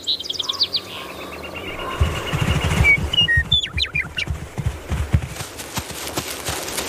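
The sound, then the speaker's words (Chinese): Birds sing in bright, high chirps and short trills, a quick run of calls early and a burst of rising whistles midway, over low, steady thudding like plodding hooves, as American bison roam the flowering grassland of Yellowstone National Park in spring. “他们漫步在黄石国家公园里，这里已经有了春天的气息，草地上开出一丛丛花，鸟儿开始鸣唱。”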